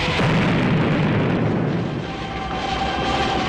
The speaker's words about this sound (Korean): 기름통이 폭발했다! 불이 달렸다! 땅크에 불이 달렸다! 땅크에 불이 달렸다!